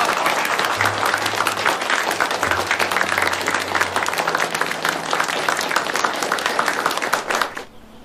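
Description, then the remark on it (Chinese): A group of people applauds two gentlemen steadily, dense overlapping claps sustained for several seconds before tapering off abruptly at the end, with a faint low murmur underneath. “两位先生讲的都对，咱们给两位先生都鼓鼓掌来。”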